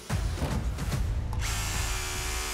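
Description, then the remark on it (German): A power drill grinds hard against a steel reinforcing bar hidden right beneath the marked drilling spot, loud, a low rattling churn that turns into a harsh, steady metallic screech partway through and keeps going. “Ja, der Bohrer ist durch, war ein Eisen drunter.”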